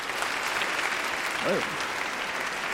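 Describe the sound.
Steady audience applause fills the whole moment, a dense wash of clapping hands at close range, with a brief voice breaking through partway in.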